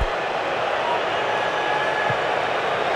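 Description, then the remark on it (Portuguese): A stadium crowd at a football match between Canada and South Africa boos as South Africa's goalkeeper holds the ball, a steady, dense roar that holds at an even loudness for the full three seconds, a broad wash of many voices with no pauses. “Mais vaias, pode subir o som.”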